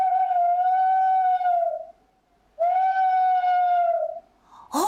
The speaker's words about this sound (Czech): Kluci, pozor, 3, 2, 1, sova! No paráda, zase jste to uhádli.